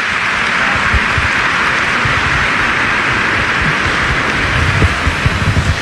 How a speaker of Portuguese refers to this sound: Um grande, forte abraço e parabéns a todos os ministros extraordinários da Sagrada Comunhão da nossa Arquidiocese. Uma salva de palmas para vocês todos, por esse belo testemunho aqui na nossa Arquidiocese.